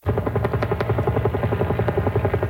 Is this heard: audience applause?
no